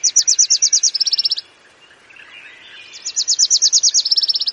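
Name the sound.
wilson's warbler song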